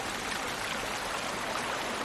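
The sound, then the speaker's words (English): A mountain stream rushes steadily, a dense, unbroken wash of splashing water that stays even in volume throughout, with no voices. “So, if one day, as you muse by a mountain stream, you spot an American dipper bobbing and winking in your direction, Don't take it personally.”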